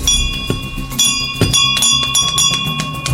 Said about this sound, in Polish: Gdy dowiedziałam się, że jest taka inicjatywa Dzwonów Zwycięstwa, nie ukrywam, że moim takim marzeniem było, aby ten dzwon zawisł właśnie na tym oddziale, ponieważ sama miałam okazję tutaj przebywać